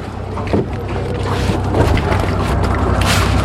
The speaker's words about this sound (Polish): Wchodzimy na łódkę i będziemy ruszać.